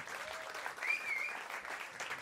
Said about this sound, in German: Applaus für Marlene.